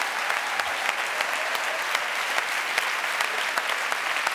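Steady applause from an audience, a dense wash of many hands clapping at an even level for several seconds, with a few sharper claps standing out and no voices over it.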